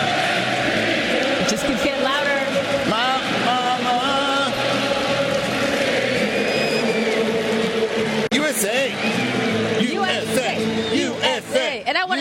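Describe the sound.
A huge stadium crowd sings together, thousands of voices blending into a loud, continuous roar, with scattered whoops and shouts rising above the massed singing throughout.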